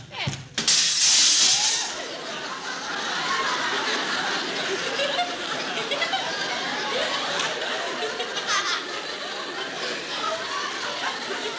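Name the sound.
window glass breaking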